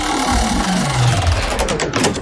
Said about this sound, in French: J'envoie la roulette des jeux.